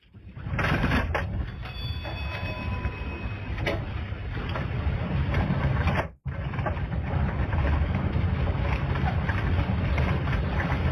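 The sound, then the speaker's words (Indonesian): Heavy rain pours down steadily with strong wind roaring through, a dense, loud, unbroken wash of noise that drops out for a brief moment partway through before surging back. “Bapak, kenapa hujan deras, angin kencang begini, lo masih gali pasir, Kak?”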